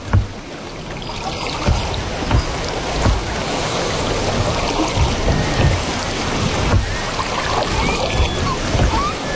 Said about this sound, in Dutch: dobberen in een bootje boven een koraalrif.